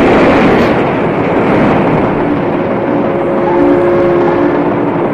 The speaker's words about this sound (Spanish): Desde los muelles, varias lanchas de motor se dirigen al lugar del siniestro en busca de víctimas.